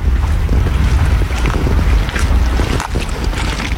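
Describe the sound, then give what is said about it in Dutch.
Water of the Grevelingen lake laps gently and continuously at the Brouwersdam in Zeeland, with steady wind rumbling and buffeting underneath; no voices, just a dense, even wash of outdoor sound throughout. “Rustig kabbelend water, hier van de Grevelingen aan de Brouwersdam.”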